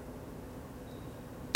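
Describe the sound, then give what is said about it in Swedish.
Low, steady background hiss for over a second, then a single sharp, loud crack of a gunshot fired in a shooting competition, a miss scoring zero, bursts out at the very end and is cut off. “Där kom skottet.”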